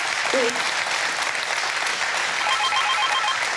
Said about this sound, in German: Der Applaus geht nach Nienhagen.